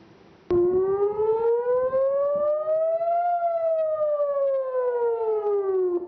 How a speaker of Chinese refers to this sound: 以色列北部部分社区12日至13日早拉响防空警报，以空军称多次拦截从黎巴嫩越境进入以色列的敌对飞行物。